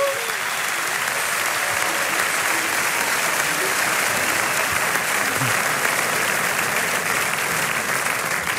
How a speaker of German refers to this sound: Ja, fantastisch. Dann kriegt ihr jetzt auch nochmal einen Riesenapplaus.